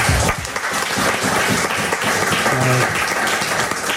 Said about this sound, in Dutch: Applaus voor